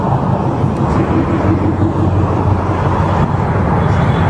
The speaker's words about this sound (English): Here we go. Here's the officer pulling over this vehicle.